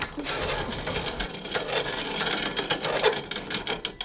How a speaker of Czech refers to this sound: a je tady taková mísa dřevěná s mezerami. Pod tím je ta železná nádoba. Prádlo bylo v té železné nádobě pod tím, a tím, jak se hýbal tady ten dřevěný půlválec, tak tím třel tím prádlem o tu stěnu.